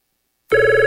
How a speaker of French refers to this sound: Pourquoi ton téléphone sonne tout le temps comme ça?